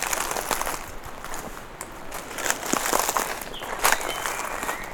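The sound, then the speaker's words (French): Dry leaves rustle and crackle steadily as something brushes through them, with brief sharp crisp bursts scattered over a continuous soft scratchy texture, no voices. “Des feuilles mortes. Que vous effleurez.”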